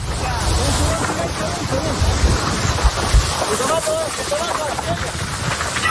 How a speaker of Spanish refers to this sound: Mira, y para entender la tragedia, quiero que escuchen el sonido de los miembros del Infoca. Intentan apagar el fuego, pero las llamas crecen y se acercan peligrosamente hacia ellos.